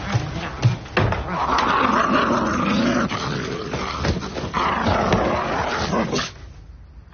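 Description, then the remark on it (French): A person makes a loud dog imitation, a rough growling vocalization with a few sharp bark-like bursts at the start, sustained for several seconds before trailing off. “t'es plus un chien. Tu le vois bien que t'es plus à quatre pattes, que tu peux plus te lécher les couilles, tout ça, tu le vois bien.”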